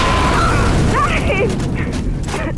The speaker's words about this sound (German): den Ort der Explosion erreichte, hatte sich der Rauch verzogen.